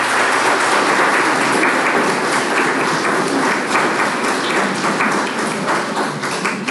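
A group of people clapping their hands in sustained, dense applause, loud and steady throughout with no voices standing out.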